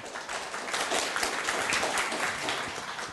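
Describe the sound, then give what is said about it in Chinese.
A crowd at an academic seminar applauds steadily for about three seconds to welcome the first presenter, a dense, even wash of many hands clapping at once with no voices standing out. “好，那我想借用各位的掌声哈，我们先邀请第一位的发表者”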